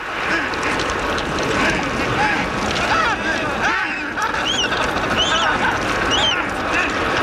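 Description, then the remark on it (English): A dense chorus of many Adélie penguins braying and squawking at once, harsh overlapping calls rising and falling continuously over a steady wash of wind and water noise. “That is the sound of the Adélie penguin.”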